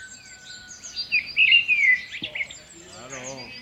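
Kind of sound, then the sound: bird, birds chirping and singing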